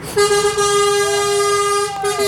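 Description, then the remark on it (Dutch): A yellow vintage Scania 81 truck's horn blares in one long, loud, steady blast lasting nearly two seconds, then gives a brief second toot, with faint background noise. “Een gele Scania 81, bekend van de albumhoes van ….”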